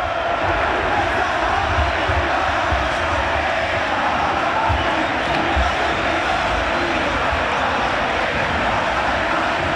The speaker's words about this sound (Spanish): Es ensordecedor. La verdad, te eriza la piel. El griterío y la fiesta que los hinchas de Racing y de Boca nos están regalando los presentes aquí,